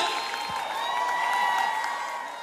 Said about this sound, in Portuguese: Os aplausos de vocês pra essa voz potente!